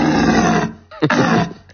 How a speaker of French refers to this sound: Au cœur de la réserve naturelle des gorges de Daluis, c'est la saison du brame du cerf.